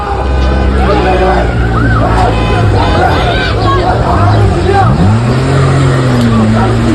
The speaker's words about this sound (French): Vous avez entendu des femmes qui hurlent arrêtez, tandis que des racailles, désolé mais que c'est comme ça que ça s'appelle, se bagarrent en plein milieu de la route en se coursant entre les voitures et sur les trottoirs.